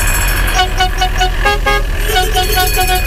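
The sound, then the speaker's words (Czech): An old camper van's tram-style bell, fitted besides its horn, sounds in a series of short, loud, ringing bursts over a steady low engine rumble, at a retro camper van meet in the village of Bláto, central Bohemia, Czech Republic. “Některá auta mají krom klaxonu také zvonek jako tramvaj.”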